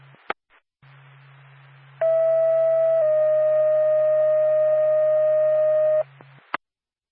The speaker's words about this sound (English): NORPAC to Lancaster Ambulance, stand by for tone.